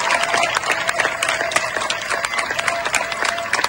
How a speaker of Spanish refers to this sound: Estos aplausos que escuchas son de los vecinos de Niebla, en Huelva, para despedir a los miembros de la UME que han trabajado durante días para lograr controlar el fuego que ha afectado a más de 33.000 hectáreas.